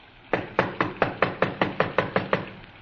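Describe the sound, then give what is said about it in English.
A quick, steady run of about ten firm knocks on the wooden front door of a small redwood house on Nordhoff Street in the San Fernando Valley, evenly spaced, with no voices, just a faint hush between raps, on a rainy night. “Frank tried the door.”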